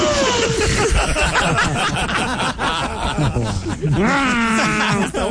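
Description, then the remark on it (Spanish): A person imitates a sheep, bleating a drawn-out, quavering 'baa' sound, loud, amid chuckling and snickering laughter. “Ma, ¿cómo hacen las ovejas? Ve, gracias, ma.”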